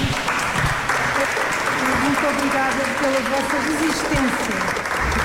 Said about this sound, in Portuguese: 4 núcleos com muitas histórias, a visita termina com palmas.